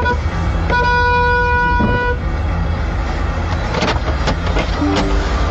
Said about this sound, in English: This car in front rolls back, starts rolling back, like the handbrake's not on and their foot's not on the brake or whatever. Rolling back, and then the lady honks her horn and goes, oh, well, she's rolled back into me.